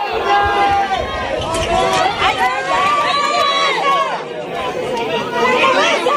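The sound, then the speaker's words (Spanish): A crowd of activists protesting an eviction, gathered at the door of a home, talking and calling out together outdoors, a dense, steady babble of many overlapping voices with occasional raised shouts. “Eso sí, no sin resistencia, la que ofrecían, entre otros, los miembros de Derecho a Techo, activistas que se concentraban en la puerta de la vivienda.”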